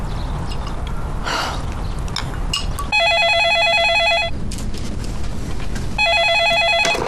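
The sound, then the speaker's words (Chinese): A telephone rings in two bursts of rapid, high-pitched electronic trilling separated by a pause, loud and clear over a low, steady background hum. “佳琪， 电话。”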